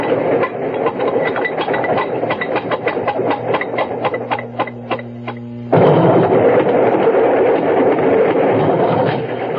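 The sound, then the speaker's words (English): A moving freight train wagon rumbles loudly over the rails with rapid, rhythmic clacking of wheels, a low steady hum rising midway, then a heavier continuous roar for the remainder. “Glad to get out of that wagon. Some haul, huh?”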